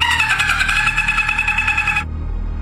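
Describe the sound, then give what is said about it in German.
A person imitates a dolphin, played as sound number 1 in a human-or-animal guessing quiz, with a high, buzzy, rapidly pulsing squeal held steadily for about two seconds before cutting off abruptly, followed by a low background hum. “Ist dieser Ton ein Delfin oder ein Mensch?”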